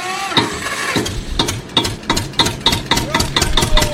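A tractor engine chugs steadily as the tractor sets off, its loud, rhythmic knocking pulses repeating several times a second over a low rumbling drone, with no voices.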